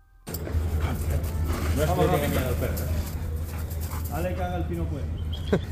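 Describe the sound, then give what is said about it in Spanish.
A trained detection dog, used to find drugs, explosives and hidden money on vessels, barks and whines in a few drawn-out bursts over a constant low rumbling hum like an engine running in the background. “Los perros, la otra pata y nunca mejor dicho, entrenados del cuerpo para detectar drogas, explosivos y dinero oculto en embarcaciones, porque a veces entre escáneres y drones sigue siendo el instinto animal el que encuentra lo que nadie más ve.”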